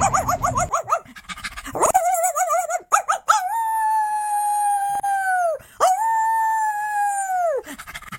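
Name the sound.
dogs barking and howling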